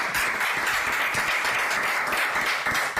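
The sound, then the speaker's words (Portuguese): Sustained applause from a crowd, dense overlapping hand claps forming a steady, fairly loud wash of sound with no voices, holding evenly throughout. “Fuerte aplauso.”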